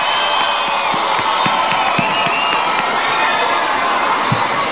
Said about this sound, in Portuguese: uma salva de palmas, por favor.